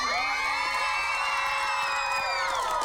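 A studio audience of children on a TV quiz show cheers and screams together in a loud, sustained burst of high-pitched voices, holding steady for a few seconds with no other talk.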